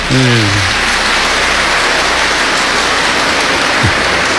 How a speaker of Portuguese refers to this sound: Agora, se vai bater palma, tem que bater para todo mundo.